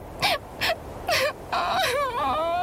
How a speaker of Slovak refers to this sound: Hľadala ho pri strome, na strome, pod stromom, no márne. Zúfalo sa rozplakala.